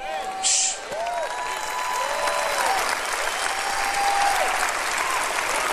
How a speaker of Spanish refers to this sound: Oh, vamos a aplaudir su grandeza. Vamos a aplaudir su grandeza. Aplauda su grandeza. Aplauda su eternidad.